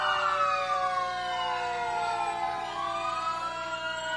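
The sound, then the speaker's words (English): The siren of Engine 31 of the Crete Fire Department in Crete, Nebraska, wails loudly and continuously, its pitch gliding down and then sweeping back up, with no voices over it. “Next, Crete Fire Department.”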